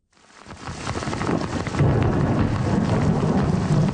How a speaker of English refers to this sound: In Montreal's West Island, an unrelenting downpour quickly turned roads into flowing rivers. Some boroughs hit with as much as 170 millimeters of rain in just a few hours.